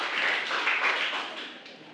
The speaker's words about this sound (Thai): ขอเสียงปรบมือให้กับกลุ่มที่3หน่อยนะครับ